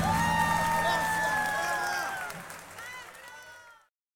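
Loud audience applause mixed with cheering, shouts and high whistles, sustained at first and then thinning out and fading away before the end.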